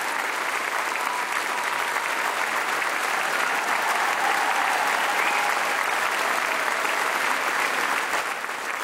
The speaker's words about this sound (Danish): Og selvfølgelig især et stort bifald til sangerne i DR Pigekoret, som også har været med til at ønske sangen og selv præsentere den undervejs.